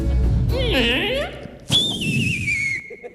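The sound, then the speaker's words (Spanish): A voice imitates an archery arrow being shot: a wavering, whistled swoop, then a sharp burst that turns into a long, high whistle slowly gliding downward before cutting off. “¡O el tiro con arco!”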